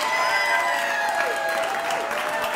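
An audience applauds a live performer on the radio show Bill Street Caravan: dense, steady clapping at a fairly loud, even level, with a few high whistles or cheers ringing out over the crowd.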